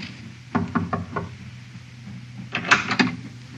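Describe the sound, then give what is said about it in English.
A ship's captain knocks on a passenger's wooden cabin door: a quick set of four raps, a pause, then three more sharp knocks, with a low steady hum underneath and no talking. “Captain knocked.”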